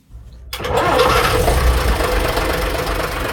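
The large diesel engine of a vintage Jelcz 043 bus, popularly called the 'ogórek', cranks and catches after a brief near-silent pause, then settles into a loud, rough, rumbling idle with a steady knocking chatter and no voices, on a street in Łódź, Poland.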